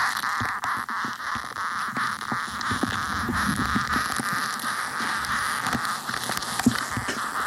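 Ants scurrying make a dense, steady patter of tiny scratchy clicks and crackles, continuing evenly throughout with a faint hissy hum underneath and no voices.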